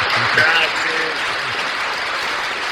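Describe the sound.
Steady applause from a crowd greeting a guest good morning fills the whole stretch, a dense, even patter of clapping, with a brief murmur of voices underneath at the start.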